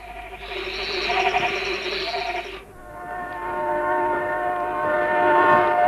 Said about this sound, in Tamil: அடே, ட்ரெயின் வருது.